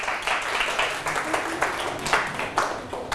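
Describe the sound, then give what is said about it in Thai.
A group of students in a classroom claps together for a classmate in a brief burst of applause, a dense patter of many hands at a steady, moderate loudness, with a few sharper claps standing out. “เอาปรบมือให้เพื่อน”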